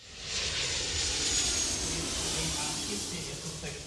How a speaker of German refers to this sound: Während draußen die Verkehrsflieger noch mit Menschen im Cockpit starten und landen, geht es drinnen um die unbemannte Luftfahrt.